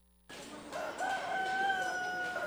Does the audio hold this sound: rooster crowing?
yes